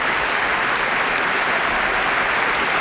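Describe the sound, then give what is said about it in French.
Sustained applause from a large audience in the Salle Henri Leboeuf at the Palais des Beaux-Arts in Brussels, a dense, steady wash of clapping with no pauses, fairly loud throughout, as a trio of musicians including cellist Ettore Pagano return to the stage and bow. “Alors, vous les entendez, hein, ils sont applaudis, ils sont très souriants.”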